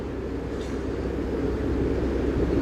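A steady, heavy low rumble of a train at the central station, on the Gothenburg to Stockholm service rerouted via Trollhättan, constant and fairly loud throughout, with a faint brief squeak near the start and no voices.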